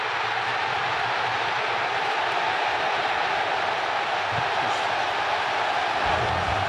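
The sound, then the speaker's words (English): A huge stadium crowd in San Francisco roars in celebration after Malik Tillman's goal for the USA, a dense, sustained wall of cheering that stays loud and steady throughout, with no distinct voices standing out. “You can just hear, apparently the reaction in North America is immense.”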